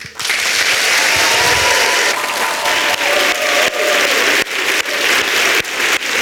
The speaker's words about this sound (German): Vielen, vielen Dank und großen Applaus